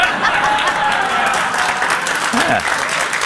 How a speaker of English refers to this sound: Yeah. Put some applause on that one.